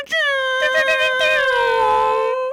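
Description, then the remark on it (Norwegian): A voice imitates an air horn in place of a real one: one loud, sustained, buzzing tone that holds steady for about two seconds, sags slightly in pitch toward the end, then cuts off abruptly. “Nei, jeg kan stå for lufthornet, og så kan du stå for rappen, og så har du en sånn fin duo.”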